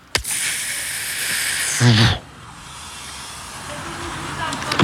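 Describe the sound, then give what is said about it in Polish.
A voice imitates a pneumatic bus door opening: a sharp onset, then a long, steady airy hiss that swells with a brief harmonic pulse before cutting off into quieter breathy noise. “I robiłem taki, głosem robiłem otwieranie drzwi.”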